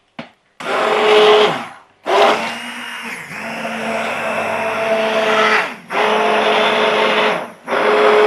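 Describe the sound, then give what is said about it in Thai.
An electric stick blender whirs in repeated bursts while mixing used oil with a lye solution to make soap, which begins to thicken. A steady high motor drone starts and stops several times, with a slight change in pitch as it churns through the liquid mixture. “แล้วคราวนี้ก็คนค่ะจริงๆจะคนจริงๆจะใช้ไอ้เบลนเดอร์ก็ได้นะคะกวนมือถือกวนมือก่อนมันจะเริ่มข้นขึ้น”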